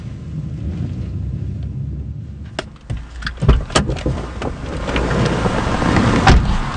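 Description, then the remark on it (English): A car drives through city streets to a safe house in a rundown part of the city, its low engine and road rumble steady throughout, with scattered clicks and rattles midway and a broad wash of traffic noise swelling toward the end. “Miguel Ángel drives us to a safe house in a rundown part of the city.”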